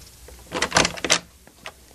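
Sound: door being opened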